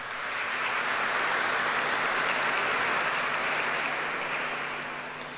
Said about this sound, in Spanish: Un fuerte aplauso para cada uno de ustedes.